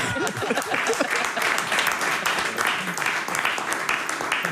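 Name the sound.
audience applause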